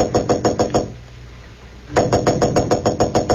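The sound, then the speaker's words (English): Clark Kent knocks on the door of room 911 at the Marlboro Hotel in Marsden City: rapid, firm knocking, a quick run of about six raps, a brief pause, then a longer second burst of knocks, loud over a low background hum. “Roebling aboard a Metropolis-bound train to room 911 at the Marlboro Hotel in Marsden City, Clark Kent was about to knock at the door when suddenly he blanched.”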